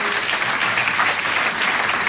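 A church audience applauds loudly for the king of the Church, a dense, steady wash of many hands clapping together throughout, full with no pauses or talking.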